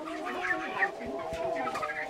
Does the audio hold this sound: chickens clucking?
yes